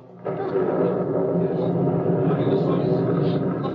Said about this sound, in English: Listen, what is that? It's thunder from underneath the earth. It was the mountain.